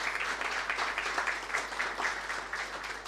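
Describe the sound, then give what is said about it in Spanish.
A crowd applauds steadily for about three seconds, a dense wash of many hands clapping at even loudness with no voices on top, at a hospital event, applauding the hospital's three unions: Interhospital, FENAT and FEDEPRUS. “Un fuerte aplauso para ellos también.”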